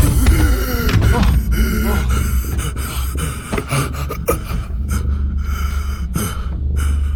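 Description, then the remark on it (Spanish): A person suffocating without oxygen gasps and wheezes for air in ragged, desperate breaths as their helmet is taken off, loud, with strained groaning gulps repeating throughout over a constant low rumble. “¡Rápido, se está asfixiando! ¡No tiene oxígeno!”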